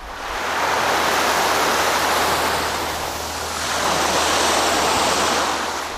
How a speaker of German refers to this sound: Die Wellen rauschen, die Möwen kreischen, ein paar Kinder spielen Frisbee.